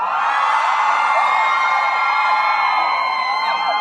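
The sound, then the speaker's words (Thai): A crowd of fans screams and cheers continuously as actresses are welcomed onto a show, a dense wall of high-pitched shrieks and whoops that stays loud and steady throughout, with individual rising squeals poking out. “เชิญฮะเชิญครับ เนี่ยแฟนคลับกรี๊ดเลย”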